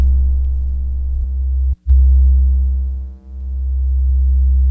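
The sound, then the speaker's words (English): Two layered low sine tones, a second sine wave added to the first, drone steadily as one deep hum, cutting out briefly once and later dipping in loudness as their phases drift against each other. No voices. “If I wanted, I could even add a second sine wave.”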